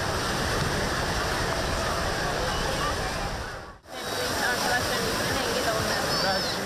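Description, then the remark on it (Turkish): Waves breaking on a beach in Istanbul, Turkey, make a steady, loud rushing wash that fills the scene, with faint voices mixed in. The sound cuts out briefly near the middle, then resumes. “Caddebostan, adalar, Şile plajları, Ege ve Akdeniz'e gidemeyenlerin kaçış rotası.”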